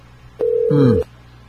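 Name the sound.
outgoing phone call ringing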